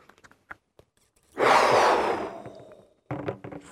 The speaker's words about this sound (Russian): А теперь выдохнуть надо в шарик.